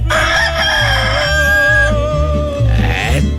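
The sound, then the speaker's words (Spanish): A rooster crows loudly at 5:21 in the morning, one long drawn-out cock-a-doodle-doo with a strained, wavering tail, over a steady low background hum. “Está cantando el gallito, ya está cantando el gallo.”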